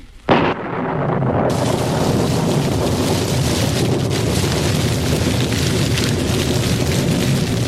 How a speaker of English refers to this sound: Fire. Fire from heaven. It is burning the bullock, even the stones of the altar and the water in the trench.